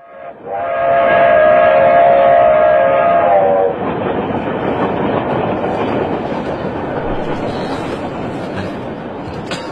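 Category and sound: vehicle, moving train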